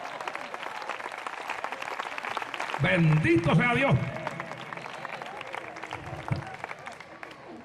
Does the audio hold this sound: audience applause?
yes